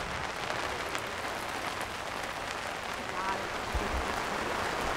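rain falling

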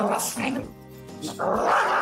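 dog growling and barking

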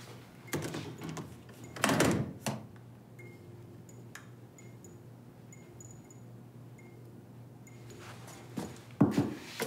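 door being shut

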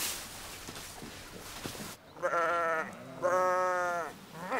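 sheep bleating

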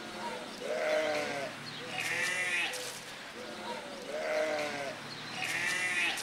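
guinea pigs squealing

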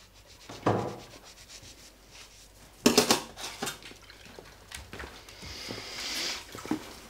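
washing dishes by hand

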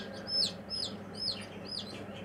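ducklings peeping

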